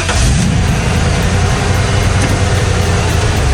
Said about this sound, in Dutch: Die vrachtwagen, die komt voorbij, hè, dat weet je. Hoor je hem voorbij komen, die vrachtwagen? Het geluid, zal ik hem nog 1 keer laten horen waar je op moet letten? Als je dit eens hoort voorbij komen.